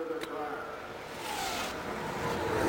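A race car engine fires up and its rough roar builds steadily, with a rising pitch, over a dense wash of background noise.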